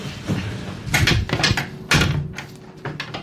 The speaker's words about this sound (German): Ah, okay, jetzt sucht er an allen möglichen Orten. Das klang gerade irgendwie wie ein, nee, nicht wie ein Kleiderbügel, aber Geschirr vielleicht, ja. Schrank, ja.